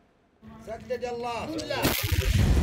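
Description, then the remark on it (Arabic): A rising, whistling tone gives way to a loud, broad blast of artillery cannon fire on the Jabal Han front west of the city of Taiz, during fighting between government army forces and the Houthi group, followed by a sustained rumbling roar that stays heavy until the end. “على وقع دوي المدافع تتجدد المواجهة الضارية في جبهة جبل هان غرب مدينة تعز.”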